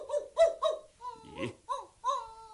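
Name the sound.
dog barking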